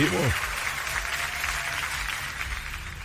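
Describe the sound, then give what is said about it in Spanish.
A steady wash of clapping from a group on the Mix 103.9 radio show fills the whole stretch, dense and fairly loud, with a brief voice at the very start. “Aplaudan, vamos a aplaudir.”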